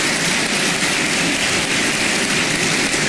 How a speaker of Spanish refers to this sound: Y como lo señalé, el expresidente Piñera lo dijo y lo resumió en una frase que vale la pena, digamos, un aplauso también al presidente Piñera, en paz descanse.